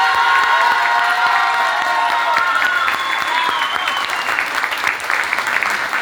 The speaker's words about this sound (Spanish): vamos a escuchar sus aplausos. Primero para la Alianza A. ¡Aplausos!